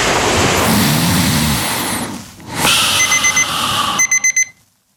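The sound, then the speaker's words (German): An alarm clock beeps in short, high electronic pulses after a rushing, whooshing noise, then ends with a burst of four rapid, louder beeps before cutting off. “Ja, mit dem neuen Bett von Schubiger Möbel schlafen Sie so tief und gut, da müssen Sie den Wecker schon lauter stellen.”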